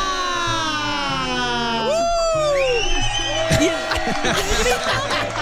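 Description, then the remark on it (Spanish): Several high-pitched women's voices shout and whoop excitedly in a loud burst of cheering on the show Dilo Fuerte, Dilo Exa, their cries rising and sliding, with a steady low rhythmic backing underneath for about five seconds. “Y el grito de las mujeres.”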